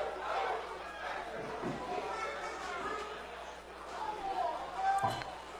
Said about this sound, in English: That's going to be a pass interference call. The crowd's not happy because they're thinking it was nowhere near.